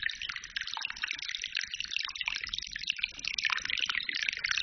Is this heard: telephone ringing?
no